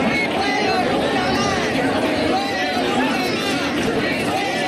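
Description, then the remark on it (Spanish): Protesters shouting at a demonstration in the city of Huelva, called by the platforms Fuegos Nunca Más and Huelva Renace to demand more measures against forest fires: a dense mass of overlapping raised voices forms a steady, loud crowd din that carries on without a break for nearly five seconds. “Pues esto era lo que gritaban los manifestantes ayer en Huelva capital, convocados por las plataformas Fuegos Nunca Más y Huelva Renace.”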